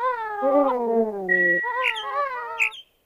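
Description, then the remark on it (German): A bird call made of drawn-out, wailing, cat-like cries, loud and harmonic: a long descending moan followed by two shorter rising and falling calls, with no voices. “Vogel der Woche.”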